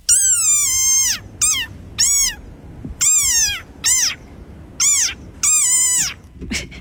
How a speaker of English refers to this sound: I'm going to guess that's a type of frog, right? It's a desert rain frog.